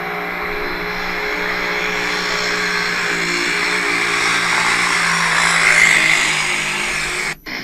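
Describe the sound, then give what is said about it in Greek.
Loud, continuous roar of many motorbike engines revving on a street at night, the whine swelling higher for a moment near the end before cutting off abruptly. No one speaks. “Μηχανάκια γεμάτο τώρα.”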